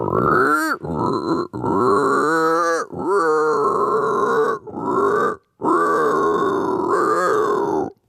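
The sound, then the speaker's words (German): A man's voice imitates a pig, producing a series of loud, rough grunts in several sustained bursts separated by brief pauses, with no speech; he is an animal-voice imitator who can mimic over 200 animal calls. “Er kann zum Beispiel grunzen wie ein Schwein und vieles mehr.”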